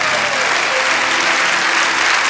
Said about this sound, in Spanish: Fuerte el aplauso.